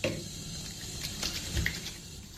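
A tap runs warm water steadily into a sink for a skincare routine, a continuous splashing hiss of water with small bursts of spatter, no voices over it.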